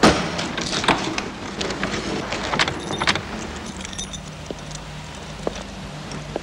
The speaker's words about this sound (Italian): Poi torna indietro, parcheggia la sua Alfetta blu davanti a casa. Scende dalla macchina.